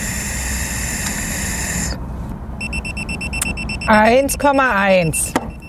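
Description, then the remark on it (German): A breathalyzer, blown into again by a man who has drunk 1.5 Mass, sounds a steady electronic alarm tone, then a brief silence before sharper repeated beeps with warbling pitch sweeps, loud, with a faint voice murmuring underneath. “Das schlägt hier wieder Alarm.”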